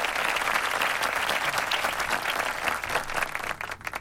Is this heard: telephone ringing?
no